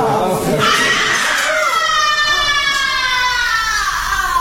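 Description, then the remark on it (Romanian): A person screams loudly, a shrill, wavering cry that rises and holds for several seconds without a break, almost siren-like in its sustained pitch. “Ce-a fost asta? Ce s-a întâmplat? Cine a strigat așa?”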